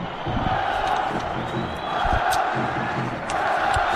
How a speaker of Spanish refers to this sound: Gritos de Málaga, Málaga, Málaga.